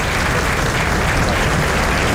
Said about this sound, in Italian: E sentiamo ancora l'applauso scrosciante in sottofondo. Applauso di tutta la tribuna.